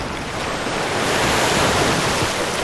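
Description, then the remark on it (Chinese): Steady roar of wind-driven ocean waves and swell, a broad continuous wash of surf that swells slightly louder midway, with gusting wind noise and no voices. “大风吹拂着海面，海水有规律地起起伏伏。”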